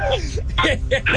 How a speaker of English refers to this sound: Is he playing music? He's doing the Jeopardy.